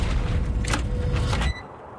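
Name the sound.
front door being opened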